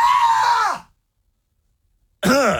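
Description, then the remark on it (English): A man's voice lets out two loud, high-pitched screams into a live stream camera, startled by a man's silhouette waving at the glass, the first long and sliding downward, then a sharp second yelp after a short silence. “I'm a hardcore shock jock radio bad boy who just screamed like a little girl into the live stream camera.”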